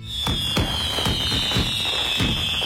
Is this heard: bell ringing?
no